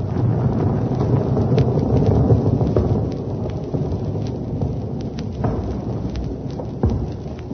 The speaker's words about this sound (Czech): Takže tohle už byla opravdu druhá lavina. Za takovou malou chvilku. Hrome, tady ty laviny padají nějak často.